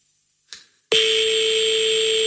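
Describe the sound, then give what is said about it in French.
A telephone ringing tone of a call to a number in the 20th arrondissement of Paris, France, left unanswered: after a brief click, a loud, steady electronic tone starts abruptly and holds unbroken to the end, buzzy and bright with a sharp high edge. “Ah, je pense qu'elle va laisser sonner la coquine.”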